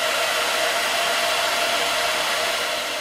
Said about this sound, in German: So, die Rundbürste hier muss ich noch kurz drin lassen, bis die Haare abgekühlt sind. Aber ich kann ja schon mal die nächste Strähne mit der zweiten Bürste aufwickeln. So, bisschen trocken föhnen noch und kalt werden lassen.